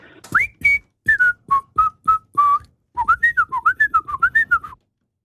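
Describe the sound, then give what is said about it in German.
A person whistles a late-1960s pop song that was a number-one hit in the Swiss charts, deliberately not quite correctly, first a string of separate sustained notes, then a quicker wavering run of connected notes, with no talking. “Ich habe allerdings die Person, die pfeift, angehalten, möglichst nicht so korrekt zu pfeifen, wie es sonst einfach wäre, gell?”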